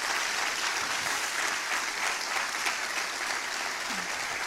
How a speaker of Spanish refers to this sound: Vamos, aplauda al Señor de la gloria.